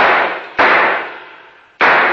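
Loud gunshots from a radio drama shootout: a sharp blast at the start, another at about half a second with a long decaying ring, then a third near the end, all without voices.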